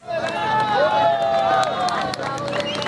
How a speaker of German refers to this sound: Jubel bricht aus in Catia la Mar an der venezolanischen Küste,